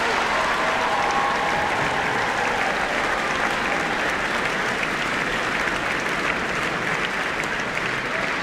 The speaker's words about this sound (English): Big round of applause.